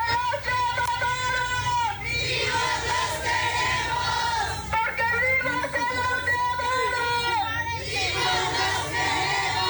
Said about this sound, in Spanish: La ruta al Estadio Azteca retumbó con el grito de quienes exigen la localización con vida de las más de 133 mil personas desaparecidas en el país.